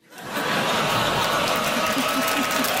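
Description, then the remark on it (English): An audience breaks into steady applause that swells quickly and holds loud and dense, with a murmur of crowd voices and some laughter mixed into the clapping. “Crowd liked that one.”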